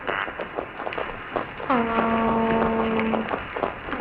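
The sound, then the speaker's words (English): A single loud, sustained tonal hoot from a toadfish, its call known as the boat whistle or foghorn, lasting about a second and a half, with a steady low pitch and strong harmonics, over a background of faint clicks and underwater crackle. “They make a variety of sounds, but one of their most well-known is known as the boat whistle, or the foghorn.”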